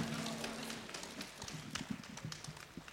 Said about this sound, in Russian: Провожаем Дмитрий Богатов. Бурными аплодисментами.